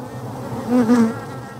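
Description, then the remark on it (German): A steady buzz of honeybees swarming together at a hive on a city tower, swelling louder for a moment as a few pass near, then settling back into a continuous hum with no voices. “Die Bienen haben ein Bild von der Stadt.”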